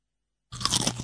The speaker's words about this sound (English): The Humble Potato Chip, a classic that is easily recognisable by sound alone, and that's not a fluke. Food companies put time and money into perfecting the sound of the crunch, all in an effort to bring you back for more.